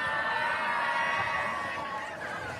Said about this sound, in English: some more encouragement has been rained down on the lefty Moore from the pro Flamingo crowd